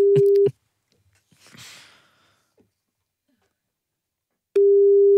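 A telephone busy tone after a hang-up: a loud, steady low-pitched beep sounds briefly, then a long quiet gap with a soft rustling breath, before the same flat tone returns.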